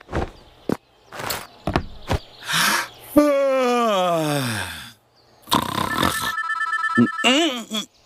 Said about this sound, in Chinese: 谁呀、啊？这时候还打电话，烦人！